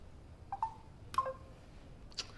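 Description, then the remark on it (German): A telephone call-waiting tone: a few short, faint electronic beeps spaced irregularly, with soft clicks and a higher blip near the end, over quiet line hiss and no voices. “Warte mal, da klopft jemand an.”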